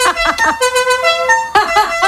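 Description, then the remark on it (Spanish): A modified musical car horn blares a quick melody, loud: a burst of short rapid notes, then longer held tones, then another quick run, with no talking. “había gente que le cambiaba el claxon y ponía el sonido de la cucaracha”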